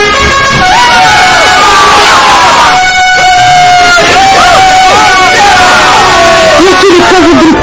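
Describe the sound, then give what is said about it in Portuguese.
A loud crowd, the people of God after marching around the city of Jericho, shouts and cheers continuously while trumpets blare long, sustained notes over the din, the horn tones rising and overlapping throughout. “E de repente, todos começaram a gritar e a jubilar e a tocarem as suas trombetas.”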